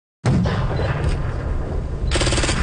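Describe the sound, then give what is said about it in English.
Loud, dense bursts of simulated gunfire and explosions erupt suddenly and roar on without pause, with a fresh rattling volley near the end, harsh, with no voices, during a reenactment of a 2008 Afghanistan ambush on flat dusty terrain by a lone brick building at CFB Wainwright military base. “Flat dusty terrain, a lone brick building, and simulated explosions can be seen at CFB Wainwright.”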